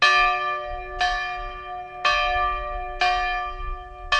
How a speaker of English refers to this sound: But the school year started off as it has for the past 110 years here, with the ringing of the original schoolhouse bell.